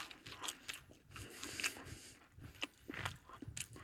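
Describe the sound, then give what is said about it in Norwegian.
Someone bites into warm, heat-treated, slightly crisp cinnamon bun dough and chews, making a string of faint, moist, irregular crunching and squishing bursts for a few seconds, with no talking. “Vi tar et godt tygg av den her.”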